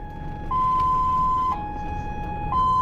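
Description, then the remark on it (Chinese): An ambulance transporting a donor organ sounds its siren loudly in a steady two-tone hi-lo pattern, switching pitch about once a second over a low rumble of traffic noise as other vehicles make way for it. “但是在运输过程中，一旦发现身后的救护车，很多社会车辆会马上做出反应，尽量避开车身，为救护车让道。”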